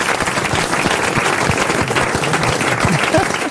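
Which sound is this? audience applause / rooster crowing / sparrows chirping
audience applause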